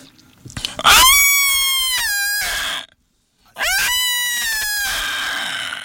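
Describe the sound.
A person imitates an elephant's trumpet with two loud, sustained, brassy blares, separated by a brief silence.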